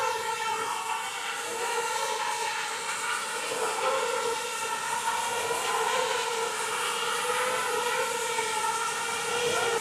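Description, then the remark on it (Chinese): A formation of small drones in a light show lifting off together, two, four, then six at a time, a dense, steady buzzing whine with wavering pitch that stays loud for the whole stretch, with no talking. “对，他起飞了。 2架、4架、6架起飞。”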